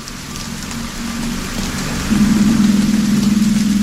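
Steady, dense hiss of rain falling over open water, with a low continuous hum underneath that swells louder about halfway through, a piece from the music of Martin Scorsese's film Silence. No voices.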